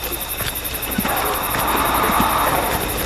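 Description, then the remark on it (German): A tiny steam locomotive sitting in the tender of the locomotive Emma puffs softly, busily puffing out tiny clouds of smoke: a steady hiss broken by faint, irregular chuffs, with no voices over it. “Hörst du das? Mhm. Was schnaufen? Hör mal ganz genau. Als Jim in Emmas Tender blickte, da saß dort eine ganz kleine Lokomotive, die emsig vor sich hinschnaufte und winzig kleine Rauchwölkchen ausstieß.”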